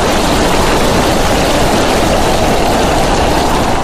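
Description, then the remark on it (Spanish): Steady, heavy rain drums against window glass in a dense, unbroken patter, loud and constant throughout with no voices. “Tan solo la lluvia golpeando los cristales, haciendo que creciera su ansiedad.”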